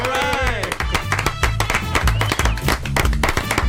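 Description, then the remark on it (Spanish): A television programme's audience claps and applauds steadily throughout, the dense clapping mixed with loud music and a voice, lively. “Está aplaudo muy contento, yo, pero para que suene más.”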